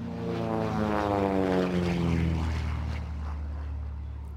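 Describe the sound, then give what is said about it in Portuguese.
Propeller airplanes performing aerial manoeuvres at the Maia aerodrome in Portugal roar by, the engine drone steady and loud with harmonic tones sliding downward as one passes and pulls away, the pitch and intensity shifting as it maneuvers. “Hoje há aviões em manobras no aeródromo da Maia.”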